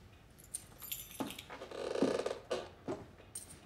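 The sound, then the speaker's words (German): Keys jingle and scrape against a lock as a key is tried to see whether it fits, with a few short metallic clicks and rattles spread over a few seconds, fairly quiet, with no one speaking. “Ich wollte eigentlich nur überprüfen, ob der hier passt. Ist das Ihr Schlüssel”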